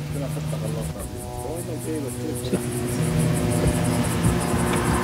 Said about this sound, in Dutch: De drone in de lucht. Je bent hier op een paar honderd meter afstand van het Israëlische leger.